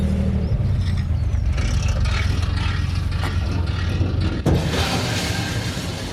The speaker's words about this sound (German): Ein kurzes Scheppern am Anleger sagt es an, die Gruppe Fahrradfahrer kann an Bord der Gent-Sied gehen.